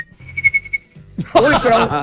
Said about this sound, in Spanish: Sí, yo sí silbo lindo y todo. Muestre. Uy, cuando logran. Cuando logran hacer vibrato con el silbido. Ah, yo silbo lindo, yo silbo muy lindo.